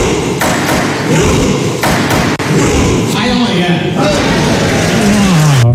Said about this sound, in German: Am schrägsten, das norwegische Parlament rudert auch in Anzug und Kostüm. Und so klingt das dann im Parlament.